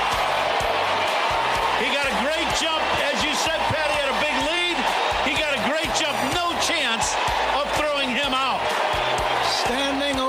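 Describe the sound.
A baseball stadium crowd at Wrigley Field cheers in a loud, sustained roar, with many overlapping voices rising and falling in chant-like swells that hold steady for the whole stretch, after Cubs player Pete Crow-Armstrong steals second base to reach 40 home runs and 40 stolen bases.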